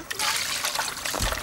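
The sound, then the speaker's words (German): Water being poured for Noran, a small wolf, in a steady, hissing trickle that runs for about a second and a half, ending with a brief low thump as the flow continues. “Hier ist ein bisschen Wasser für ihn.”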